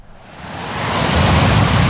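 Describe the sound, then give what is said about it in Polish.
Steady surf washing in, a broad rushing hiss that swells louder over the two seconds as a wave rolls up and breaks, with no voices. “Wakacyjne śniadanie mistrzów z szumem fal.”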